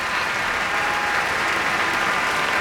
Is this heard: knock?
no